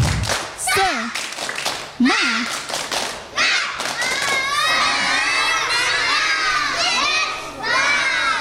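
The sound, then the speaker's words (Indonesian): A group of children shout and cheer loudly in excited, rising voices during a 'tepuk semangat' (spirit clap), with a burst of clapping and thumping mixed into the noisy, sustained din. “Tepuk semangat.”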